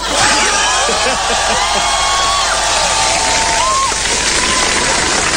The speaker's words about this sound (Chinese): 你听听观众反馈，你听听开场以来最爆发的掌声。